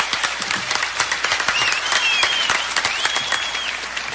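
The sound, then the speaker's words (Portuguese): Steady applause from an audience as a guest leaves, many hands clapping at once in a dense, continuous patter with a few whistles rising above it, held at a fairly loud level for several seconds. “Tem que sair com palmas esse homem.”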